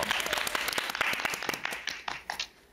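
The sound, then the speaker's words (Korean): A burst of applause from a small group on a trot singing show, as a guest is asked to sing a favorite song for the master's judging, dense overlapping hand claps that hold steady for a couple of seconds, then thin out into a few scattered claps as it fades. “자, 박수! 박수!”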